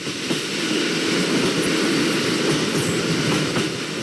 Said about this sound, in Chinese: 经过不停靠的站点的时候，列车已经达到了时速的上限，125公里每小时。电车上的玻璃都发出了咣咣的震动声。